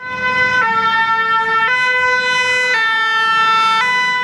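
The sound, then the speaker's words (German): A loud two-tone siren alternates steadily between high and low pitches, switching roughly every second, with the low rumble of a vehicle engine underneath as a fire engine drives past through the evacuated village of Marcheprime, 20 kilometres from Bordeaux, beside a wildfire area. “Ein Feuerwehrzug fährt durch das verlassene Örtchen Marcheprime, 20 Kilometer vor Bordeaux.”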